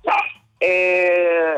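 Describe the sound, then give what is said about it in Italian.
A dog named Barney barks: one short, sharp bark, then a brief pause and a long, loud, drawn-out yowling bark that holds steady before trailing off. “Barney, non essere geloso, il cane che abbaia.”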